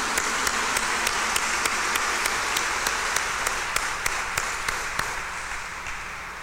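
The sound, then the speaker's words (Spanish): A crowd applauds in congratulation of three girls, steadily, a dense patter of many hands clapping together with a few sharper claps standing out, holding fairly even before easing off slightly at the end. “Un aplauso de felicitación para ellas.”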